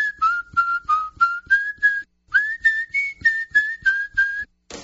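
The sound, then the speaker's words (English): A person whistles a tune in a steady run of clear, mid-to-high notes, each one short and evenly paced, with a brief pause midway before the melody continues. “Y'all come say hello to the whistler”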